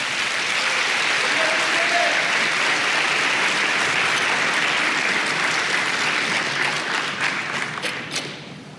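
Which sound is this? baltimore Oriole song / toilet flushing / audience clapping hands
audience clapping hands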